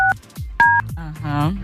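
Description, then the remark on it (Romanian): Two short telephone dialing beeps, each a steady dual-pitched tone, sound a half-second apart, clear, as a live broadcast phones a prize-draw entrant, while a person talks around and after them. “Acum e penultima persoană, să vedem dacă ne răspunde la telefon.”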